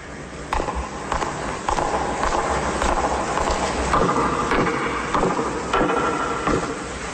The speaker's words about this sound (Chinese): 怎么搞的？重来，脚步声第二次，预备，开始。